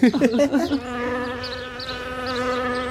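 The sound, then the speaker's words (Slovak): A short burst of vocal sounds gives way to a steady, droning buzz held for a couple of seconds, moderately loud, a mother's voice imitating a flying fly while feeding her son a carrot. “Pozor, letí mucha.”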